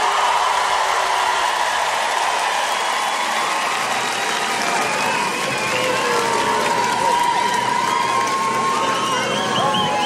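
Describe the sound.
A huge festival crowd sings along loudly and steadily, thousands of voices blending into a dense, continuous roar with melodic lines rising above it.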